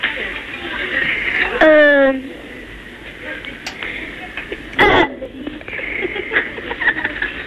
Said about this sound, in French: J'ai roté. Comment ? J'ai roté. Tu as roté.